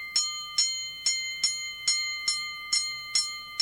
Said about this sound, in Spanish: Así que suene la campana, porque se viene la canción o las canciones con las que vamos a cerrar el programa de la Rocola Do Re Mi Alabaré.